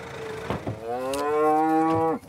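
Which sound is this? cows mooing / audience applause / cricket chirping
cows mooing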